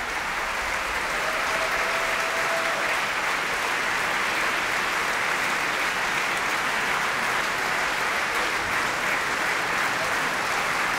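A large opera audience applauds steadily, a dense, continuous wash of clapping that stays loud and even throughout, with faint cheers mixed in and no talking, as the whole ensemble stands on stage and the orchestra has risen in the pit.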